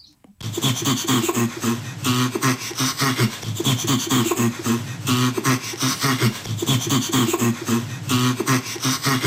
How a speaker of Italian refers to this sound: Prima però ascoltiamo un'altra clip, una voce sicuramente che c'è più familiare, ascoltiamo la risata di uno scimpanzé.